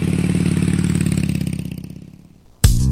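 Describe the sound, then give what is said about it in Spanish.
A motorcycle engine rumbles with a steady throbbing tone that slowly winds down and fades, then a sudden loud burst of revving cuts in near the end. “No vendemos motos, vendemos emociones.”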